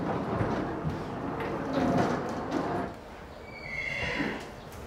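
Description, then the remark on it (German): An older Friesian mare, a patient at a veterinary clinic with suspected stomach problems, whinnies and snorts, with a bright rising neigh toward the end over a noisy background; no one speaks. “Die nächste Patientin wartet schon. Eine ältere Friesenstute mit Verdacht auf Magenprobleme.”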